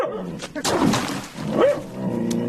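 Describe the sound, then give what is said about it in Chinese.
A big yellow dog with yellow eyes barks and yips several times at a urine bucket, in short uneven bursts with a whiny, whimpering edge, loud against a quiet background. “哎呦，黄眼狗，尿桶里没有吃的啊？”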